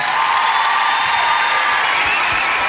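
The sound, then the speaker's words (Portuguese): Loud, steady applause from an audience for a guest, Anguna, a dense wash of clapping with some cheering mixed in, sustained without a break for the whole moment. “Um forte aplauso para a minha amiga Anguna.”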